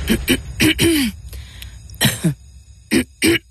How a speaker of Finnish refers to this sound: Hei, älä suotta köhi.